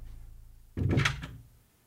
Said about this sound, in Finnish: Minusta pitäisi varten saa oven tuki, että mulla pitää olla ovi auki. Niin se vaan pani sen kiinni.